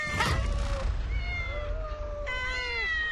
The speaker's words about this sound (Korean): 응? 웬 야옹 야옹?